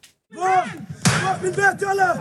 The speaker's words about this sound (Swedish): Så här låter det när tonåriga bosättare ger sig på den låsta grinden till en palestinsk familjs ägor i Al-Murayr, centrala Västbanken. Händelsen dokumenterades av BBC i lördags och är ett exempel på det upptrappade våldet.